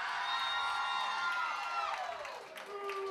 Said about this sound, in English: Because we stick with you when you scream like that. That's why we're dumb.